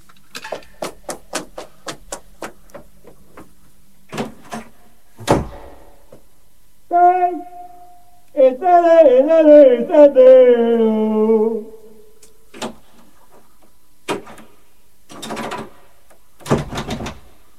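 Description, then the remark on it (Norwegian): Someone locked out rattles a jammed, locked door: quick bursts of sharp clunks and knocks, then a pause where a voice groans and strains, followed by a few more scattered bangs. “Jeg har låst meg ut. Det er vranglås på døren her nå.”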